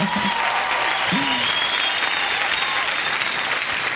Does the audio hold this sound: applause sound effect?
yes